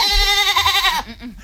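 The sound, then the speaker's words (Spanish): A goat, the mascot named Babieca that will parade with the legionnaires, lets out one loud, wavering bleat lasting about a second, its harmonics quivering, followed by a few short, quieter bleating sounds that trail off. “La cabra de este año, novedades.”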